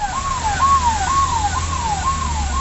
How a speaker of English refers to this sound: An ambulance races to the site of the blast.